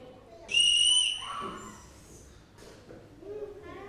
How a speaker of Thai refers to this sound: เสียงอะไรเอ่ยเสียงเป่านกหวีดเสียงเป็นยังไงเสียงเป่านกหวีดเสียงเป็นยังไงคะคุณลักษณะของเสียงเป็นยังไงเสียงสูงแล้วก็เสียงดังด้วยใช่ไหมคะเสียงสูงไหมคะนกหวีด